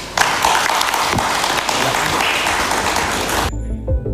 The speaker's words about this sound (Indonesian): Kehadiran teman-teman di sini hari ini sangat menyenangkan, berarti masih banyak yang menulis tentang isu ini, tepuk tangan.